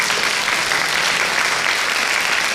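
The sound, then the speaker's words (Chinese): Steady, sustained applause from a sizable audience beneath a centuries-old city wall, welcoming a guest researcher from the Shaanxi Academy of Social Sciences, a dense wash of many hands clapping at once, fairly loud and even throughout with no talking over it. “来，大家掌声欢迎一下王老师。”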